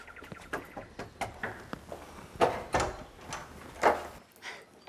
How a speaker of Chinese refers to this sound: 敲门